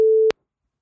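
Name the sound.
telephone ringing tone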